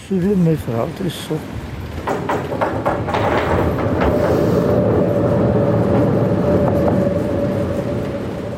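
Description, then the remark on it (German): A Bayerische Regiobahn train (formerly Bayerische Oberlandbahn, BOB) crosses a bridge: a loud, steady rolling rumble with a sustained metallic whine running through it. A brief voice is heard at the start before the train takes over. “Über diese Brücke fährt der Zug.”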